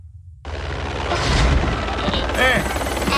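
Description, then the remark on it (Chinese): A toy remote-control airplane whirs loudly in a kitchen, its small motor kicking in abruptly and holding a steady buzzing drone, with a brief rising whine near the end. “厨房里不能玩飞机呀。”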